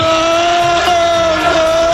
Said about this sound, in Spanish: Ahí escuchamos el grito de los seguidores del Liverpool